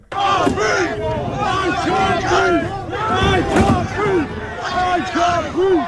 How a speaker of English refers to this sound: At the protest today, people threw bins and cans at police in riot gear, while others in the crowd chanted, "I can't breathe."